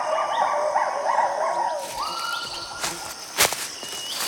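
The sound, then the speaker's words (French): Two lar gibbons calling in Khao Yai forest, Thailand, in loud, rising and falling whooping hoots, a rapid series of tonal cries that then shift into a sustained high note, with sharp bursts near the end. “Ce sont deux gibbons lards. On dirait qu'ils communiquent. Leurs cris caractéristiques sont tellement puissants qu'ils peuvent s'entendre jusqu'à 1 km à la ronde.”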